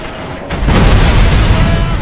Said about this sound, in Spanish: Estos tiroteos y explosiones de vehículos no son reales, no los hemos recogido en ningún suceso que haya ocurrido durante esta jornada, por lo menos en el mundo real, aunque puede ser en el digital